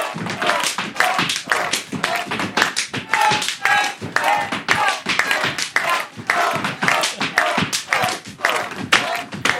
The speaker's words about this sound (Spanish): Haciendo las palmas.